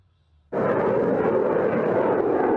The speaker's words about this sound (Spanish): Así sonaban las pruebas de misiles que el Ministerio de Defensa ruso lanzaba cerca de las Islas Kuril. El submarino OMS ha efectuado los lanzamientos junto al crucero Variak, sobre un objetivo a una distancia de 300 kilómetros.